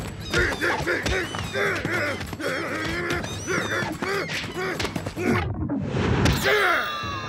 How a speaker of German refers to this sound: Zisch ab, du dummer Vogel!